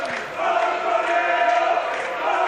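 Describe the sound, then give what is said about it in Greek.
A stadium crowd of PAOK football fans shouts and chants together during a PAOK match in a dense, continuous roar, with sustained voiced tones swelling slightly across the whole stretch and no clear single voice standing out. “Οι φωνές του που ακούτε από τους αφιλάθους του ΠΑΟΚ εδώ.”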